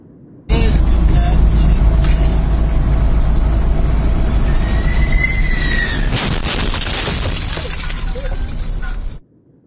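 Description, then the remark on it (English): Dash camera recording from a truck. A heavy, continuous roar of a jet and rumbling road noise are heard, then a loud crunching impact as the landing gear of a United 767 landing at Newark International Airport slams onto the truck. Scraping and a rising whine follow. “Now, you're about to see some incredible and incredibly terrifying dash camera video of a truck driver as a United 767 about to land at Newark International Airport touched down first on the truck.”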